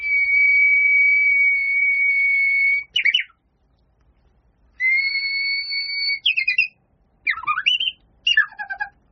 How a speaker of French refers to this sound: Donc je pense notamment au Japon, dès qu'on arrive au Japon, on a pu rentrer en connexion avec l'Oguizu, le rossignol japonais, l'Oguizu, qui a un